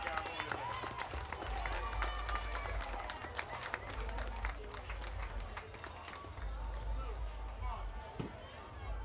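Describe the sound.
A crowd claps steadily throughout for the Grasshoppers, a dense wash of overlapping hand claps with scattered voices and a low rumble underneath, fairly loud and continuous.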